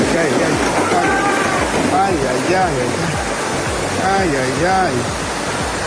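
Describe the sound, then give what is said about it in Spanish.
A strong, steady, loud roar of rushing floodwater flowing through a street in Chiapas fills the whole recording, the current strong enough to sweep away a motorcyclist trying to cross, while people's voices call out and talk over the churning water. “Desaparece motociclista después de ser arrastrado por la fuerte corriente de agua cuando intentó cruzar una calle en Chiapas.”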